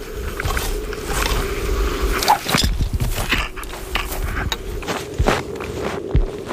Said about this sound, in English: These are our first few steps onto the sea ice. Definitely feels a bit nerve-wracking knowing that there's a couple hundred meters of water underneath us.